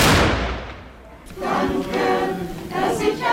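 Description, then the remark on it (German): A single loud ceremonial salute shot (Böllerschuss) booms at a Corpus Christi procession in Sipplingen, fired after the first blessing at the altar, and rolls away over about a second, followed by murmuring crowd noise and voices outdoors. “Erster Segen vor dem Altar, dann der Böllerschuss, schließlich der Kirchenchor, dann setzt sich der Zug in Bewegung.”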